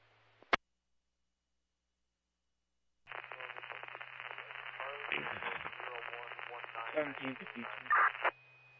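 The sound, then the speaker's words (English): A sharp click, then silence, then about five seconds of crackling, garbled EMS dispatch radio transmission. Static and a low hum chop up a muffled voice until the signal cuts off abruptly. “There's a lot of static. I'm going to need you to repeat.”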